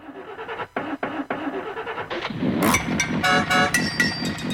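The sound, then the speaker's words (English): An old car engine cranks with a stuttering, uneven rhythm and brief pauses, then sputters into a louder, rough, noisy roar, with no talking. “Sounds like me in the morning trying to get the old jalopy going.”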